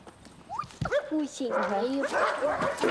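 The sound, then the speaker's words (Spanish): Dogs bark and yelp in short bursts, some calls bending into drawn-out whines, with a voice mixed in among the noise. “Amo a muchos perros. A este, a este, a este, a este, a este, a este, a este.”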